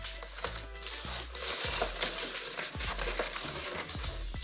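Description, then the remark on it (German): Plastic film is cut and tears with bright crackling and crinkling, broken by sharp snaps and rips at irregular moments, steady and moderately loud with no speech. “Da reißt sich die Folie sofort ein.”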